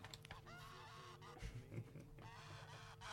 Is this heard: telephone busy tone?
no